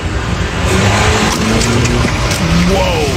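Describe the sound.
A car engine rumbles loudly as the car pulls up to a reporter, its pitch climbing as it revs near the end, over a dense wash of road and crowd noise with faint voices in the background.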